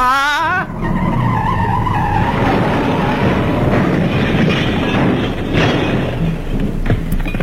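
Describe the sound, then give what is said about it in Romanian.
A truck with a trailer roars loudly, a brief high squeal at the start giving way to a steady, heavy rumble of engine and road noise with no talking. “Dita mai camionul cu remorcă.”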